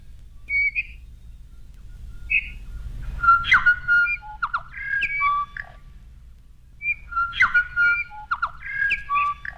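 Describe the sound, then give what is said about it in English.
A New Zealand storm petrel calling in two bursts of quick, high chirps and twittering whistles, with a low rumbling hum underneath and no voices. “The New Zealand Storm Petrol.”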